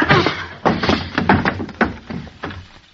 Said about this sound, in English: Jeepers. What'd you hit him with the chair for